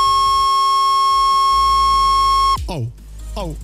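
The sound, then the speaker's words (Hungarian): A telephone disconnect tone as a caller's line to a radio station phone-in in Debrecen drops: a steady, loud electronic tone holds for about two and a half seconds, then cuts off abruptly as a person starts talking. “Gyorsan 500-540, megszakadtunk.”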